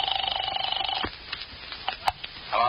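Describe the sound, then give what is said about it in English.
After a number is dialed from a phone booth, a telephone rings with a rapid, warbling electronic trill for about a second, then stops, followed by a few scattered clicks and knocks like a receiver or dial being handled. “As soon as she left me, I headed for a phone booth and dialed the first number she called.”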